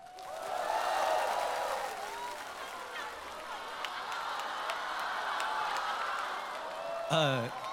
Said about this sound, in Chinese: 下面用掌声欢迎对决双方一同出场。